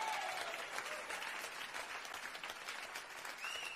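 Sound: audience applause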